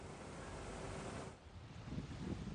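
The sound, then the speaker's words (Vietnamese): A steady rushing wash of surf breaks at moderate loudness on El Champolin beach in Ceuta, Spain, then eases into a lower, rumbling swirl of water with some wind buffeting, and no voices present. “Trên bãi biển El Champolin, thành phố Ceuta của Tây Ban Nha, hàng trăm người di cư đang sống trong những khu lều tạm bợ.”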